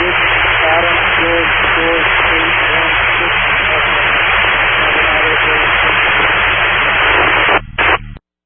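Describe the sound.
Loud, steady radio static hisses for about eight seconds, with faint garbled voice traces buried in the noise, then it stutters in a couple of quick dropouts and cuts off abruptly.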